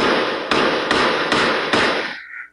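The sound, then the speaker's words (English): Five sharp gunshots ring out in quick, evenly spaced succession over a steady wash of background noise, sounding muffled, from security camera footage of shots fired overnight near two apartment buildings on Thorncliffe Park Drive in Toronto. “The sounds of gunshots being fired from surveillance footage obtained by City News.”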